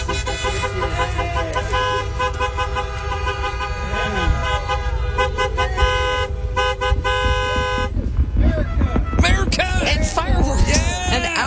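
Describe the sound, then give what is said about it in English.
A dense chorus of car horns honks over steady, congested traffic rumble on the way to the Indianapolis Motor Speedway on a Sunday morning, overlapping sustained blasts and short toots filling the scene, with murmuring voices faintly underneath. “This is what it sounded like.”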